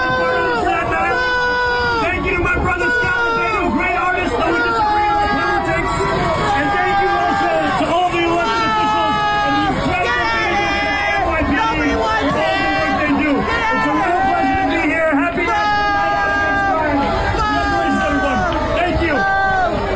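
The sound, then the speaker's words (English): A large crowd at an NYPD event on Staten Island, New York City, boos and jeers the mayor during his short address, loudly and continuously, many angry voices overlapping into a dense roar of shouts and yells that never lets up. “Saying in his short 1 minute address, being booed aggressively and obviously cursed out by the people in Staten Island who had a few choice words to say about the mayor.”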